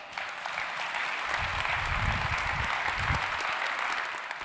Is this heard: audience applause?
yes